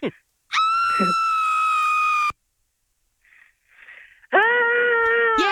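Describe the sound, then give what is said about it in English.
A recorded piercing, high-pitched scream is played and holds for nearly two seconds, then after a short pause with faint breathy sounds, a person with a deep voice tries to copy it with a lower, rougher scream. “We're going to play a scream for you and then you're going to try and copy it, okay?”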